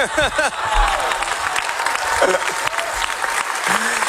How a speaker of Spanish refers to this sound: El director Sorogoyen agradeció en francés la ovación y también en español.